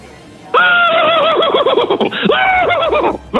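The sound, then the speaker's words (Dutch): A man's voice mimics a horse's whinny, a loud, wavering neigh that rises and trembles in rapid pulses for about three seconds, with no other talk. “Misschien nog één keer dat paard van jou?”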